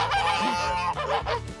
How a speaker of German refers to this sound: Na, Gänse.